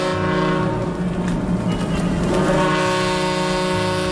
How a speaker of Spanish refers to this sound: Las sirenas del puerto rompen la calma. Un vapor, el Ciudad de Barcelona, acaba de atracar en el muelle de Alicante procedente de Marsella.